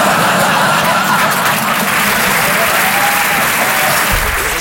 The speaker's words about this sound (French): N'applaudissez pas, vous allez tous mourir, hein.